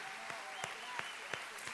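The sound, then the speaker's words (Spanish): A church audience applauds in praise of God in a steady, dense wash of clapping, with a few sharper claps popping out roughly every third of a second. Faint voices murmur beneath it. “Fuerte ese aplauso al Rey de Gloria que nos escucha.”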